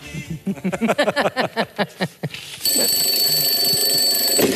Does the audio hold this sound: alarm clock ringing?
yes